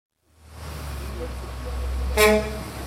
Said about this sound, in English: It's about 6:30 in the morning. A bus that says Royal Iranian Travel just pulled up, and more than a dozen people just walked out of the bus.